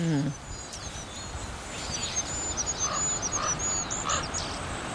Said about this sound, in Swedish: Kungsfågelns sång är så långt ifrån kungssången man kan komma. Och inte mycket att yvas över. Den lilla ramsan hinner inte stort mer än börja förrän den tar slut. Fågeln kommer liksom av sig.